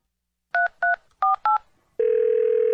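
Four quick touch-tone beeps from a phone keypad, each a short two-note chirp, followed by a steady, loud, unbroken tone that holds to the end.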